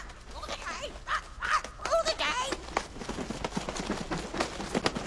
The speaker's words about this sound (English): Parrots love it. Polly wants some popcorn? Actually, her name is Winifred. Oh, Winifred wants some popcorn?